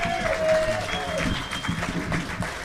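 A crowd at the 2025 Bluegrass Ramble Picnic claps in steady, sustained applause after a bluegrass set, a dense wash of hand claps that stays fairly even and loud throughout, with a faint murmur of voices mixed in.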